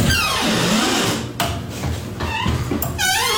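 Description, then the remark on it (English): A women's bathroom door creaks and squeals loudly on its hinges, with sliding, rising and falling squeaks, a rattling grind and a sharp knock partway through, ending in a high-pitched squeak. “The women's bathroom door is so squeaky.”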